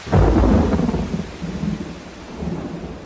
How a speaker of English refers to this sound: The storm unleashed the full force of its power, with driving rain and great peals of thunder.